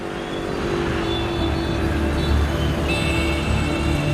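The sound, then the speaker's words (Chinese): A steady, dense rumble of morning traffic at 6:30 a.m. as industrial workers converge on the Sihanoukville Special Economic Zone in Cambodia: engines droning and revving together, with a continuous low roar and occasional whining tones as vehicles stream past without pause. “清晨6:30，车流不息，30,000产业工人汇聚西港特区。”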